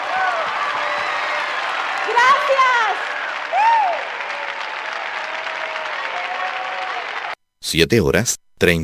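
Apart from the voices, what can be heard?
audience applause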